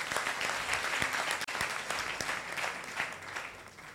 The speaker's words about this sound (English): Oh, please clap for her as she's coming here. Mm-hmm. Hey, please keep clapping.